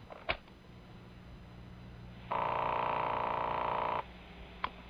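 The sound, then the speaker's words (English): A telephone line tone from a tape recording of a phone call sounds once, a steady electronic buzz lasting under two seconds, with sharp clicks before and after it over a faint hissing background. “10 days ago, I called her. Here's the call.”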